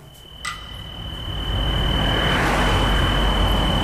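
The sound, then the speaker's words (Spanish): A car approaches along a road in Sineu, its broad engine and tyre rumble swelling steadily over a thin, continuous insect trill in an open outdoor setting. “¿Es ese coche? Es un coche.”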